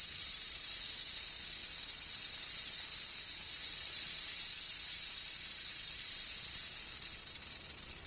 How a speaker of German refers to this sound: war ein lautes Zischeln am Eingang ihrer Hütte zu vernehmen. Die Schlange glitt hinein und rollte ihren langen, grün-grauen Körper auf.